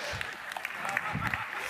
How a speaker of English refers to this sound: Yeah, it was almost worth a little golf clap.